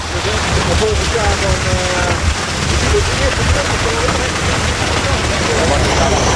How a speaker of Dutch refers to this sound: Via een buis stroomt het waterbassin vol met water. Die zit aangesloten op een grote tank, op een vrachtwagen. En dat maakt natuurlijk veel meer lawaai dan het beetje water wat de gedeputeerde net in de glaasjes geschonken heeft.